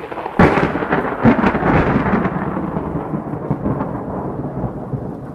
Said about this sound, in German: das Gewitter hört ja gar nicht mehr auf.